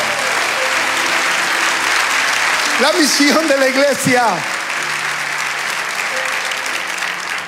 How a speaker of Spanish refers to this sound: Fuerte el aplauso.